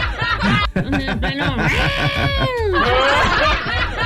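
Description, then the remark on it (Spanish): A voice imitates cats yowling on a roof, with drawn-out, wavering cries that bend up and down in pitch, loud, mixed with bursts of laughter from others. “Bueno, sí, en el techo, cuando están los gatos en el pleno miau, en el cuiqui, cuiqui.”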